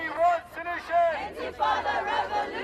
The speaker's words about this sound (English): The Prime Minister booed and heckled when he visited the area where two Jewish men were stabbed in North London this week.